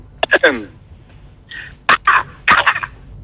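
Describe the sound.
A person imitates a crow with a string of short, harsh, raspy caws in three uneven bursts, loud, separated by brief pauses.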